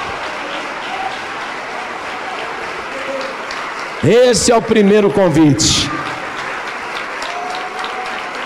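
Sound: church audience applauding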